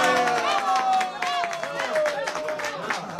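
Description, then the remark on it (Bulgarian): An audience at a lecture claps steadily, a dense patter of many hands mixed with raised voices calling out over it, lively throughout the short stretch. “вие защо не ръкопляскате?”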